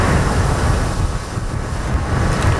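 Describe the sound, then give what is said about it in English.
Loud, continuous roar of huge waves thrown up by the outer bands of Typhoon Bavi pounding Taiwan's northeast coast, with storm wind, a dense rumbling wash with surging swells and no clear breaks, steady and unrelenting throughout. “Huge waves thrown up by the outer bands of Typhoon Bavi pound Taiwan's northeast coast.”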